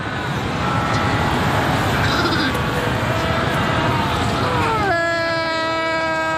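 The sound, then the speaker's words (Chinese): A South African fur seal colony calling: a dense, constant din of overlapping bleats and groans, then one loud, sustained, strongly tonal bawl rising above the chorus near the end. “一些南非海狗聚居地甚至绵延数公里，种群数量多达20万只。”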